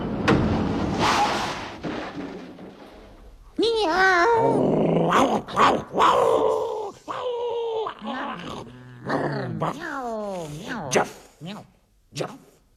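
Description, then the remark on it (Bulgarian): A voice imitates a stray dog, starting with a rough, rumbling growl, then a run of sharp, yelping barks and whines, loud with short pauses between. “Това съм едно бездомно куче.”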